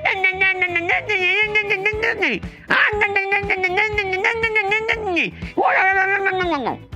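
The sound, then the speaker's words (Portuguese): A voice imitates a cat's meow three times in a row, each call a long, loud, drawn-out wail that bends downward at the end, with brief gaps between them. “gato, não é assim?”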